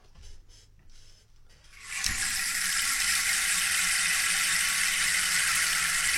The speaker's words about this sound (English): that's a rain stick, and it makes the sound of rain.